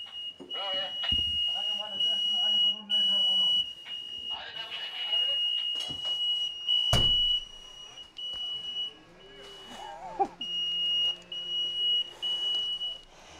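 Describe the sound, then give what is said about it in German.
A smoke detector sounds a shrill, high-pitched electronic tone in long stretches with short breaks, steady and fairly loud, while people talk over it and other clatter and noise come and go. “Welcher piept denn hier noch?”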